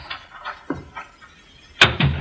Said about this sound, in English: someone just came into the house. I heard the front door close.